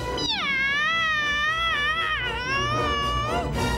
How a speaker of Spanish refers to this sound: ¡Miau!